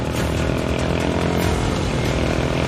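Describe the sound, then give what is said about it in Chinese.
A motorcycle engine roars steadily at high revs, a harsh buzzing drone with dense harmonics that holds loud and constant throughout, with no voices. “小心，小心那辆摩托！”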